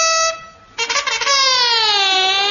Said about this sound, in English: Enemy are approaching, sir. What? Sound alarm.